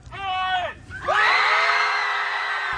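A group of people at a screaming club event lets out a loud, sustained yell together, a short shout followed by a longer collective scream that holds steady until the end.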